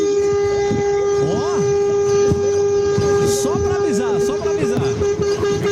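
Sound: truck horn honking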